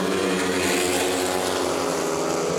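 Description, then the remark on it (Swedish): Speedway motorcycle engines roar continuously during the first heat of Västervik's home meeting against Lejonen at Ljungheden in Västervik, Sweden: a loud, dense, rasping drone with shifting pitch as the bikes race, with no voices. “Motorbrum från Ljungheden i Västervik, det är just nu ledning för Matthias Tjernak, en av lejonförarna som kamperar ihop med landsmannen Robert Schmil, som har det desto kärvare just nu.”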